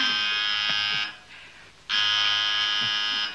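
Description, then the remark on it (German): A telephone rings with a call from Chicago for a hotel apartment, in two loud, buzzy bursts separated by a short pause, each ring a harsh, steady electric trill lasting about a second, with no voices. “Telefon. Soll ich?”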